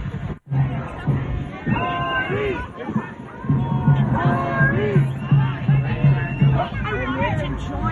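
A dense, agitated mob surrounding a woman's red car at an intersection, shouting and clamoring, many overlapping voices yelling at once in a steady, loud roar of crowd noise with no single clear speaker.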